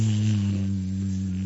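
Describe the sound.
A voice makes a steady, low buzzing hum like a bee, held evenly for about a second and a half, fairly loud with no words spoken.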